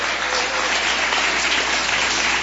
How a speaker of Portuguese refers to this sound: Pode louvar o Senhor com palmas.